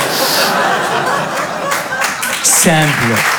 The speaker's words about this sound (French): Détendez-vous, vraiment. Applaudissez tous ensemble.